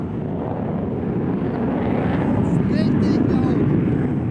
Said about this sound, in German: Um uns herum starten immer wieder Kampfjets.